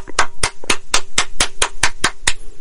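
A single person claps their hands in a quick, steady rhythm, about ten sharp, loud claps evenly spaced over a few seconds, with no voices, applauding the writer of an Old Spice ad.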